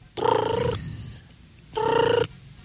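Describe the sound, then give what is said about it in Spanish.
A mobile phone ringtone sounds in two buzzy, tonal bursts about half a second each, separated by a brief pause, loud with no talking. “Me suena el celular.”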